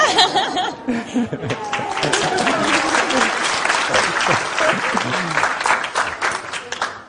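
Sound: audience clapping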